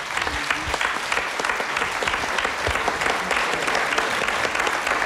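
A crowd claps steadily for several seconds, a dense, even patter of many hands with no clear pauses and no voices rising above it.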